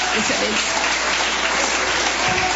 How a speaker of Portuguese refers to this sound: Vamos receber a serva de Deus com palmas e glória para louvar o nome do Senhor.